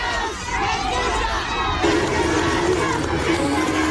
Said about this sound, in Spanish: A la salida del Teatro Senenense, Cass fue despedido con gritos y pifias, los cuales se mezclaron con algunos aplausos de adherentes hasta la partida del mandatario al aeropuerto de La Serena.